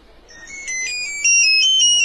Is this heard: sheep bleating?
no